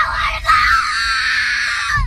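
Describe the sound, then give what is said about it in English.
A child screams and wails on the first day of school in one long, loud, high-pitched cry, held steadily for about two seconds, with a brief catch near the start. “With the kids going back to school today, I would be kicking and screaming.”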